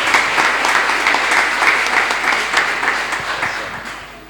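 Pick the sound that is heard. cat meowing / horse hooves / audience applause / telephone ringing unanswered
audience applause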